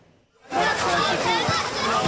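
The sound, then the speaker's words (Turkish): Beach ambience at a crowded Istanbul beach on a hot day begins after a brief quiet moment: a steady wash of splashing sea water mixed with the hubbub of many voices, continuing loudly to the end. “Sıcak havadan bunalan İstanbullular plajları doldurdu.”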